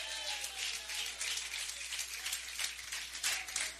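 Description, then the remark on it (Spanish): Steady, dense applause from an audience during a sermon, given for God, a broad crackling wash of many hands clapping at once with no clear individual rhythm, sustained throughout with no speech. “Fuerte sea para Dios ese aplauso.”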